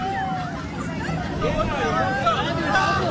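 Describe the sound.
A dense crowd of fans waiting for Barcelona player Rafinha chatters and calls out all at once, a steady hubbub of many overlapping voices with a few rising shouts, and a low rumble of traffic underneath.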